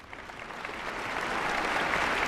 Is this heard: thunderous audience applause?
yes